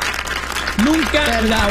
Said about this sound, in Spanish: Óyeme, un aplauso para